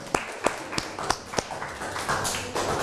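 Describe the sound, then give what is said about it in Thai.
A group of students claps for student representatives after their presentation: five sharp, evenly spaced claps ring out together, then the clapping loosens into a steady, fuller patter of applause that lasts to the end. “อย่างที่นักเรียนต้นทางได้นำเสนอกันไปนะคะขอเสียงปรบมือและขอขอบคุณตัวแทนนักเรียนค่ะ”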